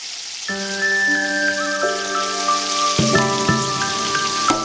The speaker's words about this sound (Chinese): 起锅烧油，放入豆腐坯，滑入滚烫热油，被滋滋的油泡瞬间包裹住。